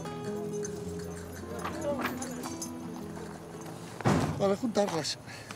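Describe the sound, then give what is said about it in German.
Wild horses on the move as they are herded by drivers toward a corral, with a few heavy, uneven hoofbeat bursts toward the end, after a stretch of voices and steady tonal background sound. “Da müssen alle wilden Pferde heute rein.”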